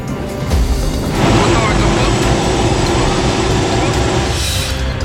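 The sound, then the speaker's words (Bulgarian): A Cougar military helicopter roars in flight during the wildfire season, heard from on board as a loud, steady drone of engine and rotor noise with a deep, throbbing low end that swells slightly after the first second and holds. “В сезона на пожарите специален репортаж на борда на военния хеликоптер «Кугър».”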